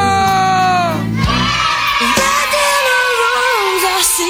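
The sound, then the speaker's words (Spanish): A loud crowd shouting and yelling together, many overlapping voices rising into a sustained roar that carries through the whole few seconds without letting up. “¡El grito, el grito, el grito, el grito!”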